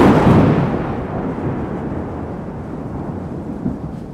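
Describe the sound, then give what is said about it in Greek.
A loud thunder strike hits with a broad crack at the start, then rolls into a deep, sustained rumble that slowly fades over several seconds. No voices. Lightning strikes on 29 November 2025 at the Christmas tree lighting at the City Hall. “Ακριβώς εκείνη την ώρα έπεσε ο κεραυνός.”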